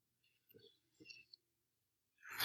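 Quiet paper handling as Bible pages are leafed through to 2 Peter 1:21: a few soft rustles and a small tap, then a brighter swishing page turn at the end, with no talking.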